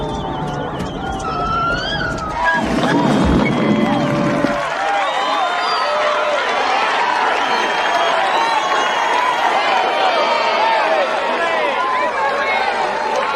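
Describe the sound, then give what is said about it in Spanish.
A large audience at a Marine Park show claps and cheers loudly and steadily for Willy the whale, with a mass of excited voices and whoops rising over the applause for the whole stretch. “Un aplauso para Willy la ballena.”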